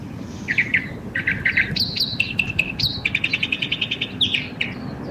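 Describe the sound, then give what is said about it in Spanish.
Several birds chirp and sing in quick, bright bursts, with rapid repeated notes and trills over a steady low background rumble. No one speaks. “Mira, ¿qué estarán diciendo esos pajaritos, ah?”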